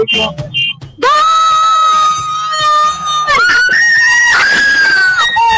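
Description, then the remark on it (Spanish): A woman on the costanera (riverside promenade) of Encarnación lets out a long, loud, sustained scream celebrating a goal, her voice rising in pitch near the end, with brief talk and background noise just before she starts. “¿Cómo gritaste con ese gol?”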